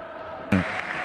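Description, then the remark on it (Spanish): A large stadium crowd applauding as River player Acuña leaves the field, a steady wash of clapping and cheering that suddenly swells louder halfway through and keeps going, with no clear voices over it. “Aplaudido se va Acuña, que baja sensible para River.”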